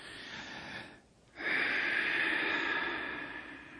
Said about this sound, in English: All right, …, another breath.